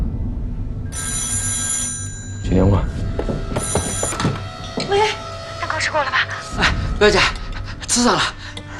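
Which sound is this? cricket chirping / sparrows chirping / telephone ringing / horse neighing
telephone ringing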